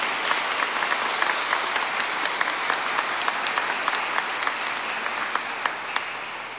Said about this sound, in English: Stand up, the children who celebrated their first communion. Let's give them a round of applause to all these children.